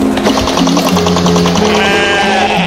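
Sheep bleat loudly and continuously, several quavering, overlapping calls merging into a steady chorus with a tremulous, nasal tone and no pauses.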